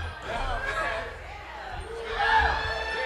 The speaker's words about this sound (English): Do we got one more? I think they're gonna kick us off unless y'all yell really loud.